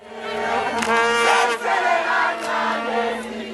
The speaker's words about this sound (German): Jetzt also dieser 2:1-Triumph gegen Südkorea. Und auf einmal ist der Jubel in der Heimat ganz groß